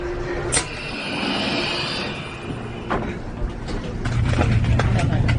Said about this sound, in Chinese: 我们呢现在去米兰的火车上